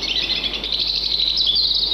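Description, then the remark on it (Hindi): A dense chorus of many birds chirping and twittering continuously, bright high-pitched calls overlapping at a steady, fairly loud level with no talking. “वैसे तुम सब पक्षियों की आवाजों से मन बहला रहता है, नहीं तो जब से बड़े साहब का परिवार शहर में बस गया, यहाँ बहुत सूना सूना लगता है।”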